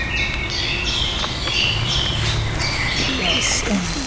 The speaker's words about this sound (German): Den hört man auch, wenn man ihn einmal hört, überall. kleiner, unscheinbarer KBV, kleiner brauner Vogel.